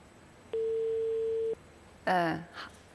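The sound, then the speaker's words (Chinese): A single steady telephone tone beeps for about a second, clear and even in pitch, then cuts off; a short burst of a voice follows moments later. It is an unanswered phone call to the former president of the Agricultural Bank of China Hubin branch. “我没有听到人接听电话，听到了嘟嘟声啊，大家应该能听得到啊。”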